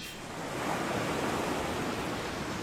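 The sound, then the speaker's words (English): Ocean waves wash onto North Beach at Wallaroo Holiday Park in a steady, broad roar of surf that swells after the first moment and holds fairly loud throughout, with no voices. “Isn't that relaxing? Come enjoy North Beach at the award-winning Wallaroo Holiday Park”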